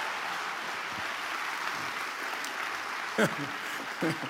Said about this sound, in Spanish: si le va a aplaudir, hágalo con todas sus fuerzas.